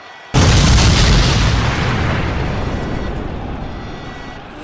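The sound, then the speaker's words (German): A hand grenade explosion goes off with a sudden loud blast, then a long rumbling roar that slowly fades over several seconds, powerful, with no voices. “Er ist explodiert und hat sich voll verteilt über den ganzen Schriftzug.”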